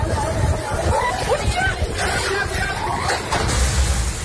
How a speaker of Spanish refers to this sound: Sonido este miércoles que nos llegas desde Felanitx, donde una mujer perdió la vida al ser sorprendida por una fuerte trompa de agua en plena calle.